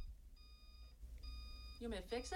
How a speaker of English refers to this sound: The program director in charge of the station walks in, gets a thing out of the refrigerator. Yeah, it starts to beep. So she just is going to walk out, leave it beeping during the live broadcast. Let's be quiet just so you can hear the beeping.